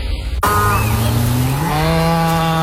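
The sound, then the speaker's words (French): A dairy cow, in an Alsace Lait advertisement about Alsace pasture milk, gives one long, loud moo that starts abruptly, holds a low, buzzy tone, and slides gradually upward in pitch for about two seconds, with no voices. “C'est un bruit qu'on connaît bien chez Alsace Lait. Une vache, oui, qui donne du bon lait de pâturage d'Alsace”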